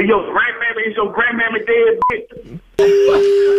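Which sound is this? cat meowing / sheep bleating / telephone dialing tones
telephone dialing tones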